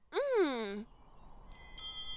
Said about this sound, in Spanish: ¡Oh! ¡Son unas campanillas ruidosas!